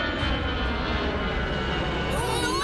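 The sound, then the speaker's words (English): A propeller plane drones steadily overhead, a loud continuous engine hum filling the short stretch with a slight rise in pitch toward the end. “No planes are coming in for a long time. Really? What about that one?”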